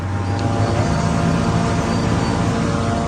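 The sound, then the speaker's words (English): Surveillance drones over Damascus, Syria, give a steady, droning engine hum overhead, constant and fairly loud, with a low mechanical buzz and faint harmonic whine holding throughout without any voices. “I can hear surveillance drones above us.”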